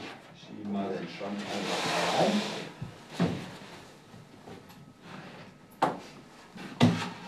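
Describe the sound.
Inserts are slid into a custom-made drawer cabinet during installation with a long rasping scrape, followed by several hard wooden knocks and thuds as they seat, fairly loud, with faint voices in the background.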